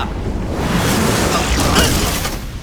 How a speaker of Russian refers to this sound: Дурак, на этот раз простая взрывчатка.